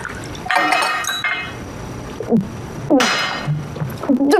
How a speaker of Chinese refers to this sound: 少奶奶，我倒水给你啊，要要紧。